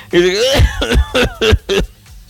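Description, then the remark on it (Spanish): A brief voiced laugh breaks into a quick run of four or five harsh coughs, fairly loud, each burst spaced about a third of a second apart. “No, sí, a veces sí me pasa que me da tos cuando me río.”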